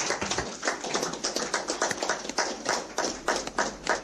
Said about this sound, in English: allow me therefore to invite Honorable Emmanuel Shishueni Shikongo, Governor of the mighty Omsati region, to come and deliver the State of the Region address. May we rise, clapping hands for him.